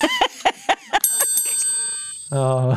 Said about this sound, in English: Lord in heaven. That's my ringtone.